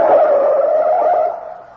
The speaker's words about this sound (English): Piano drew up with a screech of brakes. The lid opened and the head popped out.